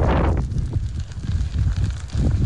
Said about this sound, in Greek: Άνεμοι που πνέουν αυτή τη στιγμή εδώ στην περιοχή είναι περίπου 6 με 7 μποφόρ.